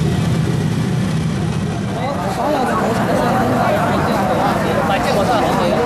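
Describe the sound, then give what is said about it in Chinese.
Dense morning rush-hour traffic, with a woman cycling among commuters, fills the scene with a steady, loud rumble of car and heavy vehicle engines idling and moving, continuous throughout, with a voice talking over the noise. “忙活了一大早，妈妈骑车赶往翁记新店，和刚刚起床的上班族一起融入到早高峰的车流中。”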